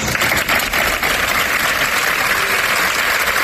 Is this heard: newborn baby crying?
no